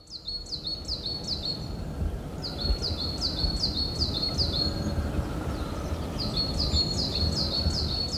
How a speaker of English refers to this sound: The sounds of various birds can be heard in the valley wetland. As the temperature rises, they begin to gather near the water.